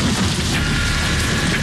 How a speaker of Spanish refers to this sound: Un tormentón se abate sobre Buenos Aires.